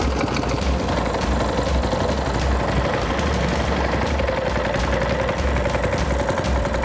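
A boat engine runs steadily and loudly throughout as the boat heads out on a river to set longlines, a constant low rumble with a rattling, chugging texture and no pauses. No voices can be heard.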